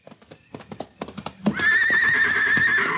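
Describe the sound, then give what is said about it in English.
A few clopping hoof steps lead into a loud neigh from Sammy the horse as he is given a heavy blanket at bedtime, a long wavering whinny that holds steady for over a second with no talking. “It's for Sammy. The horse?”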